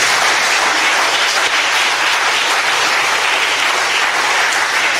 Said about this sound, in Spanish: ¿Cuántos alaban a Dios? Den un aplauso al Señor.